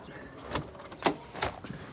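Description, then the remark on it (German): An apartment door being opened, heard as a few sharp clunks and rattles spaced about half a second apart, fairly quiet, with no one talking. “Und jetzt machst du mir bitte die Tür auf.”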